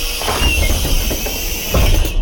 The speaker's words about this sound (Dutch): Het openen van de deuren van de lijnbus waar ik nu in rijd.